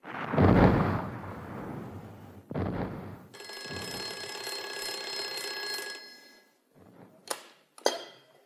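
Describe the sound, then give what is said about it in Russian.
An old telephone bell rings steadily for about three seconds, loud, after a couple of deep rumbling thuds; a few sharp clicks follow once the ringing stops. “Капитана Енакиева к телефону.”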